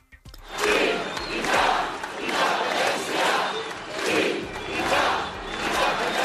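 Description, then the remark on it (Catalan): Thousands of people chant in unison at a Catalan independence demonstration in the streets of Barcelona on the Diada, called by Òmnium and the Assemblea Nacional Catalana. They repeat a loud rhythmic cry in regular swells roughly every second and a half, many voices blending into a dense roar with no individual speech. “És el crit unànime repetit a la gran manifestació als carrers de Barcelona que aplegà milers de persones convocades per Òmnium i l'Assemblea Nacional Catalana amb la participació de totes les formacions independentistes.”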